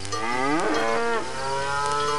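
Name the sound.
cow mooing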